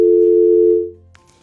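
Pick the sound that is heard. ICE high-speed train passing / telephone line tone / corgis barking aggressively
telephone line tone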